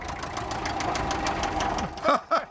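A diesel engine, started by spraying easy-start fluid and bypassing the ignition system because the starter button could not be found, chugs with a steady, rapid knocking rhythm, fairly loud, then two short excited shouts from a person cut in at the end.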